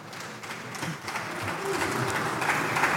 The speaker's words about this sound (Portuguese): As palmas que acabam por parecer tímidas porque são poucos os deputados.